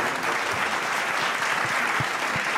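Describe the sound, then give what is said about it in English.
A crowd applauds steadily, a dense, even wash of many hands clapping at a constant loud level with no break, and no voices stand out. The applause is for the team of Bukhara, the winner at an awards ceremony. “A huge round of applause for the team of Bukhara.”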